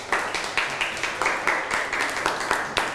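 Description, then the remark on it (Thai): A group of students claps together in a steady burst of applause for classmates after a group presentation in class, many hands striking in a dense, crackling patter with rhythmic pulses throughout, fairly loud and with no voices speaking. “เยี่ยมมากปรบมือให้เพื่อนหน่อยครับ”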